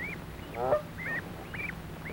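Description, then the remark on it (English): Geese on a farm meadow honk repeatedly in a steady series of short, nasal calls, about five in quick succession, clear over a low background rumble, with no voices. “Father Gander and Mother Goose watch as the goslings have their dinner.”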